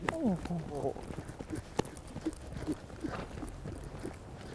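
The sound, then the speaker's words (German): Hooves of a horse ridden by a female rider clip-clop in a steady, unhurried rhythm, following a brief voice at the start against a faint outdoor background. “Bleibt die Reiterin ruhig, ist auch das Pferd ganz entspannt.”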